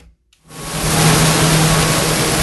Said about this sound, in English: There is a constant hum of dehumidifiers at work in the Yorktown Public Library. Librarians are hoping to dry out the interior that was under more than a foot of water.